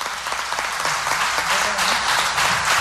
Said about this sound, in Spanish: Vamos a darle ese fuerte aplauso